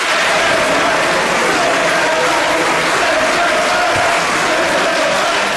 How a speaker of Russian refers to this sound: После объявления результатов сторонники законопроекта, консерваторы и крайне правые аплодировали и скандировали «send them back», то есть «отправьте их обратно», ну или «домой».